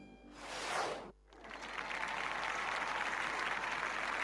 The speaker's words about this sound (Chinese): 李云光摆了摆手，止住了众人热烈的掌声。